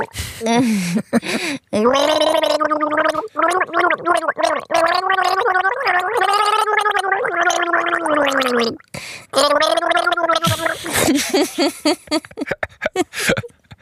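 Someone gargles water while trying to sing a tune, producing a long, bubbly, wavering melody with pitch rising and falling, broken by a couple of short breaths before ending in sputtering.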